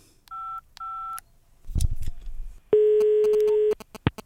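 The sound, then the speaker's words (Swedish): Two short dual-tone keypad beeps, a clattering handset noise, then a long steady ringback tone and a final brief click, all clear with no talking, as someone places an outgoing telephone call. “Jag ska se här, jag tar och ringer upp ännu mer radioagenter för att lösa den.”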